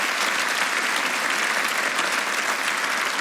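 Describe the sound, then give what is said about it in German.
Steady audience applause for the broadcast's technical and editorial staff fills the whole stretch, a dense, continuous patter of many hands clapping at an even level, fairly loud, with no voices standing out. “Ein riesengroßes Personal, die übrigens an dieser Stelle, finde ich, auch meinen Applaus verdienen.”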